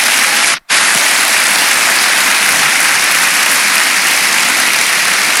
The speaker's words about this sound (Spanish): Solo por eso dele un aplauso al Señor, hermanos.